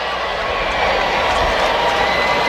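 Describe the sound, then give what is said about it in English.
A large stadium crowd at a baseball game cheers in a steady, loud roar of many voices, a dense wash of noise that swells slightly and holds throughout. “I hear some cheering.”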